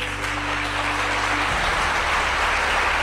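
Sustained applause from an audience at an academic and legal event, in tribute to an honoured doctor, fills the whole stretch, a dense steady crackle of many hands clapping at once, loud and continuous without talk.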